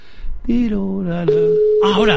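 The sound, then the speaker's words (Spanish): An odd, steady telephone line tone, heard as a call goes unanswered, starts partway through and holds on without a break, sounding beneath a person's voice, which talks over it throughout. “no me lo coge tu madre, no me lo coge tu madre, no, es que pita raro.”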